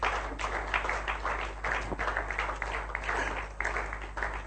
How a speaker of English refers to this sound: Do you believe that? Clap for Him. Amen.